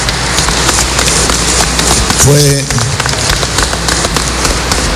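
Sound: audience applauding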